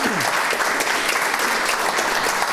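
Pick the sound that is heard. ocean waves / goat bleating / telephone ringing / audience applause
audience applause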